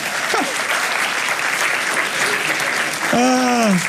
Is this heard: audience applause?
yes